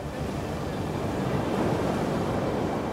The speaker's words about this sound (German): Und das bei unruhiger See.